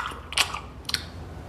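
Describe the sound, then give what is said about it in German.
Loud smacking while chewing a chocolate bar under a kitchen table: two short, wet, clicky mouth sounds about half a second apart, with no one speaking. “Unter dem Küchentisch lässt sich der Kobold den gemopsten Schokoladenriegel schmecken. Sein Schmatzen ist nicht zu überhören.”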